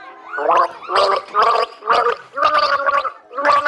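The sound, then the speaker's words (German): Someone gargles the tune of the children's song 'Alle meine Entchen' in a song-guessing game, with about six loud bubbling, pitched phrases rising and falling in a sing-song melody and brief pauses between them. “Alle meine Entchen, das war leicht.”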